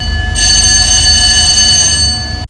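A loud, steady electronic battle alarm rings out over a low engine rumble in the early morning aboard a China Coast Guard fleet including the Dong'an, Daji and Ganquan, during a law enforcement drill in the waters of Huangyan Island, sounding for about two seconds before cutting off abruptly.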